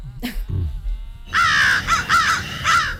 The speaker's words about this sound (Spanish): Hemos cambiado las gaviotas por los cuervos, que por cierto, dice que son los pájaros más inteligentes que hay.